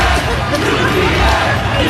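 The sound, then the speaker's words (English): A loud street crowd of Knicks fans on the Upper East Side chants "UPS" together in unison at a UPS truck pulled up to a light, a dense wall of shouting voices that holds steady without a break for the whole couple of seconds. “They're chanting UPS.”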